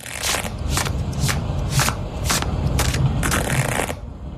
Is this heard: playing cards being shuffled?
yes